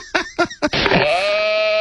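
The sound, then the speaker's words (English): A person imitates a goat on request, giving three quick choppy bleats followed by one long, wavering, nasal bleat, loud, with no other talking. “can you give me a goat sound? Can you make that sound? A goat sound?”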